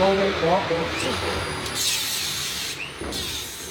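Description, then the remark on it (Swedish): Wooden scaffolding that held up a train track inside an air-raid shelter being torn down, a steady mix of scraping, creaking and rubbing of timber with brief harsh squeals, and a voice briefly audible near the start. “Nu river de träställningarna som burit upp banan.”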